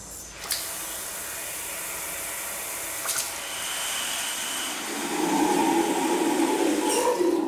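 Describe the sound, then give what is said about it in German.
A water hose sprays in a steady hiss throughout, growing louder and rougher in the final few seconds as a lower, harsher tone joins the rushing spray. “Ich nehme den Wasserschlauch.”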